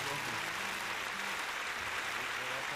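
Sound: applause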